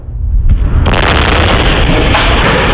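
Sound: explosion at vinegar factory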